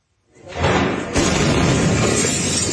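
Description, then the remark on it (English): A loud explosion of pyrotechnic material at a military barracks in Viacha, Bolivia, southwest of La Paz, erupts with a deep boom, then a second burst follows, blending into a sustained roar of shattering neighbourhood windows and debris that fills the rest of the moment. “At the moment, a powerful blast shook a neighbourhood of Viacha, shattering windows and sending traumatised people scurrying for shelter.”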